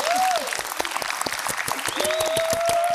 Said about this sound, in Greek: γιατί φυσικά μπαμπά σου ήταν ο μοναδικός Ρόμπερτ Ουίλιαμς, ένα χειροκρότημα τεράστιο εδώ μέσα!